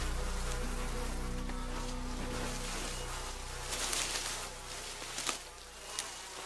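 Angry wasps buzz in a steady, overlapping drone, their pitch wavering as they move about, with a few faint rustles and taps toward the end and no voices.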